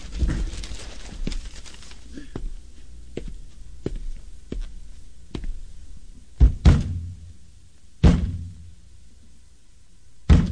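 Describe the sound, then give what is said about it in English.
A hand bangs on the side of the cabinet of a broken, burned-out radio: a run of light, uneven knocks, then a few louder, heavier thumps spaced apart, sharp against a quiet background. “No, this time it's finished. Bang it again.”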